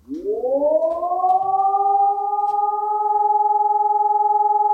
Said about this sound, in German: Der dröhnt ein bisschen im Ohr. Das war ein Entwarnungston und da waren die Leute echt ratlos.